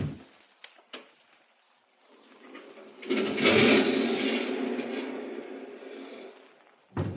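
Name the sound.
door being unlocked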